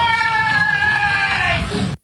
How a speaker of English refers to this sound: A woman's voice can be heard saying, "I tried to stop him," and then screams.